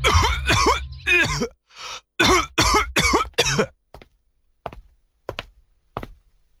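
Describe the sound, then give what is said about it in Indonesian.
A man who has had a persistent cough for over three weeks coughs in a series of loud, harsh bursts, then the fits trail off into a few fainter, spaced-out coughs and throat clears, with no talking. “Bapak masih batuk, Pak.”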